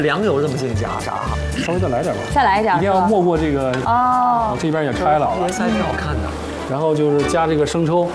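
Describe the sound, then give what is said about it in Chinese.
Stuffed lotus root, stuffed side down, pan-fries in oil over low heat, a steady, soft crackling hiss beneath continuous conversation, with people talking over the frying throughout. “咱们先煎，煎到它大概六五六成熟的时候，再下奶油拌煎拌炸。”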